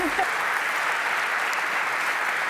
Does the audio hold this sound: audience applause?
yes